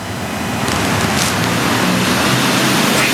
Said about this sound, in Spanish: Sí, Pau, y sin descanso, la lluvia, agua helada está cayendo en este momento en el centro de Maldonado, caen y caen gotas.